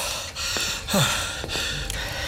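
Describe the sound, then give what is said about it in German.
Audible breathing in a study, with a few hissy inhales and exhales, one sharper gasp-like breath near the middle, steady, with no one speaking. “Aber ich habe hier jemanden atmen hören.”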